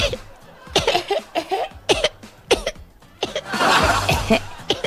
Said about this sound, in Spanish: Así, digamos, con una tos.